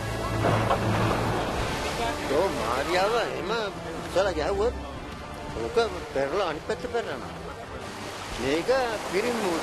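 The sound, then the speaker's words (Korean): Rough sea waves wash and churn steadily around a fishing boat in the sea off Kalpitiya, where waves are high and currents fast, as it carries its net out about 200 m, with wind buffeting the microphone, while several men shout and call to each other over the noise. “파도가 높고 조류가 빠른 칼피티아의 바다.”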